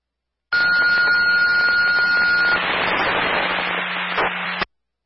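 A fire dispatch radio alert tone for an automatic fire alarm call on Rose Tree Road: one steady, high-pitched beep held for about two seconds, then a couple of seconds of loud hissing static. The sound is thin and radio-filtered, with no voices.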